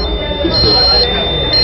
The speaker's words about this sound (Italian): Questo allarme indica che la temperatura della mia scheda madre... si è alzata un po' troppo